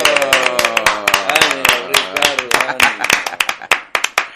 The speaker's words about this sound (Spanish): Ay, vamos a dar ese aplauso a la cuenta de la de 1 y 2 y 3. 1, 2 y 3.